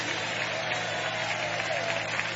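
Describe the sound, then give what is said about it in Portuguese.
An audience applauds God steadily, a dense wash of many hands clapping at an even loudness throughout, with no individual claps standing out and no one speaking. “Aplaude a Ele então, aceita hoje a proposta de Deus.”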